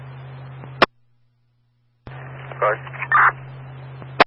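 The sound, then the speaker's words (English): A few short electronic dialing tones from a new phone system being tested beep in quick succession over a hissing, humming radio channel, with sharp squelch clicks at the start and end and a brief silent gap. “We are testing our new phone system in here.”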